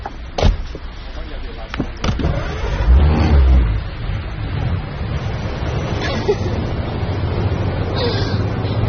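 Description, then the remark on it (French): A couple of sharp clunks, then a car engine turns over with a low surge and settles into a steady rumble as the vehicle pulls away. “Il ouvrit la voiture et s'assit au volant.”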